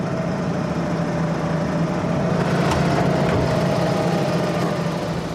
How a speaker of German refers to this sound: Wie ein Großer geht Niklas mit dem Traktor um.